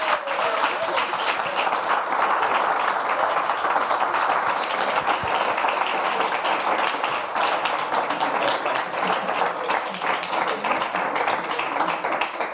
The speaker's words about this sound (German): Dein Applaus.